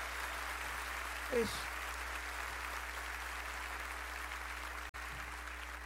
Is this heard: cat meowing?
no